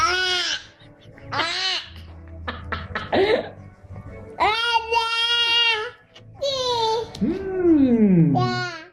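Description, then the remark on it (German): Babies biting into a lemon for the first time babble and fuss in a string of high, wavering whines and short squeals, fairly loud, with brief pauses and a rising-then-falling wail near the end. “Aber Moment, es gibt doch diese Videos im Netz, da beißen Babys zum ersten Mal in eine Zitrone.”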